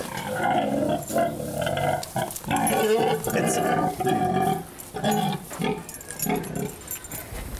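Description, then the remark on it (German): Frieda, a heavily pregnant sow, grunts and squeals repeatedly in loud, rough bursts as she is urged to stand up and walk, the harsh vocalizations running almost continuously with short breaks between them. “So kann man ein gestandenes Schwein doch nicht rumschubsen.”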